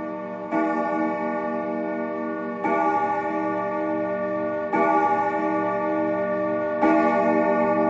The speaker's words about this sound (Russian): Часы в маминой комнате звонко и чисто пробили 5 раз.